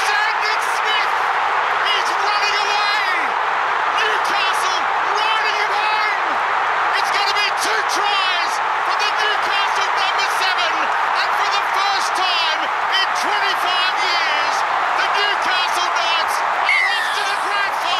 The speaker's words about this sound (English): What an incredible crowd that was.